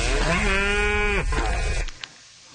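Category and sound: animal, cows mooing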